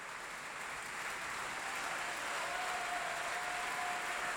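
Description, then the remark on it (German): Steady audience applause fills an opera house for the singer of the majordomo role on stage, a dense wash of many hands clapping at moderate volume without pause, with no voices standing out. “Und dieser Applaus hat dem Haushofmeister von Johannes Silberschneider gegolten.”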